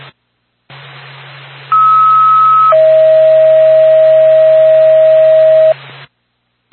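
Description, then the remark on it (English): An ambulance dispatch alert tone sent over NORPAC radio to Whitefield Ambulance, over radio hiss: a loud, steady higher tone holds for about a second, then drops to a lower tone lasting about three seconds, with no talking. “NORPAC, Whitefield Ambulance, standby for tone.”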